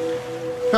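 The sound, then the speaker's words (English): Wet licking by a dog right at a person's ear makes a soft, continuous whooshing that resembles gentle surf, with a brief brighter tonal sound near the end. No one speaks. “Nope. That's a dog licking your ear.”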